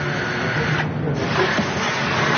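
A steady, loud mechanical whirring and hissing of power drills and vacuum cleaners running while an artwork is unveiled and moved fills the whole moment with dense, continuous noise and no pauses.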